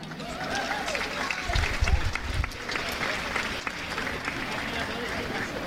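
A crowd at a Festa Major giants gathering in Catalonia applauds steadily, the dense clapping holding a fairly even level throughout, with a brief burst of louder low thumps early on.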